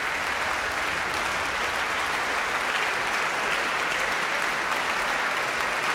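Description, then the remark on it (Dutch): A large concert audience at Tivoli Vredenburg applauds with shouts of bravo after the Van Baarle Trio's performance of Beethoven's Triple Concerto in C major, a thick, continuous roar of clapping that holds steady and loud for the whole stretch, with no break or fade. “Bravo geroep hier.”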